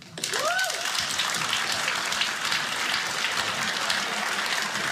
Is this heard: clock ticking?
no